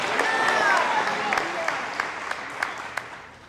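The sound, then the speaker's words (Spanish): An audience applauds with dense, steady clapping that holds for several seconds, a few sharper claps standing out, while a high voice or whistle rises and falls over it early on. “Hermoso María, merece un aplauso la Virgen María.”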